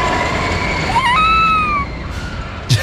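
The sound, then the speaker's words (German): A roller coaster rumbles and rattles along its track while a single high, sustained scream rises and holds for about a second, followed by a short burst near the end. “Schön mal Achterbahn wegballern, Loopings, Wasser-Action und so viel mehr.”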